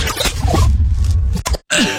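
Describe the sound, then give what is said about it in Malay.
A person coughs several times in harsh, throaty bursts, loud, with a brief pause before a final cough. “Aduh, batuk pula dah.”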